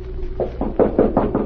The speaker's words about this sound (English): knocked on the door of her hotel suite.